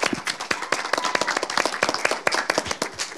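Applause from a group of people, a dense stream of sharp, overlapping hand claps at moderate loudness, steady throughout with no voices.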